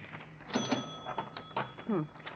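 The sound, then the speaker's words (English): A cash register is opened during a holdup: a bright bell-like ring sustains over a quick series of mechanical clacks and drawer rattles, with a brief voice sound near the end. “Over to the cash register.”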